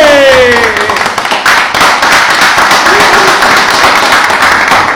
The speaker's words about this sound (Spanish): ¡Fuerte el aplauso, che!